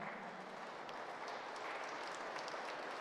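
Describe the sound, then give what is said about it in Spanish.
Steady applause from a crowd during prayers, welcoming the community of La Colonia: a dense continuous patter of many hands clapping at moderate loudness throughout, with no talking over it. “Pedimos a Dios por la comunidad de La Colonia, a quien damos un fuerte aplauso de bienvenida.”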